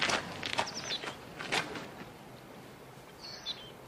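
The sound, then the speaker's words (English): A few scuffing footsteps at an unhurried pace as a man who has got out of a car walks away, fading after the first couple of seconds as the walker moves off, with faint bird chirps in the background. “He punches the air as he walks away.”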